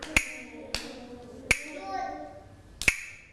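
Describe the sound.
Four sharp hand claps at a slow, slightly uneven pace, with a longer pause before the last one. Faint background murmur and voices continue softly between the claps.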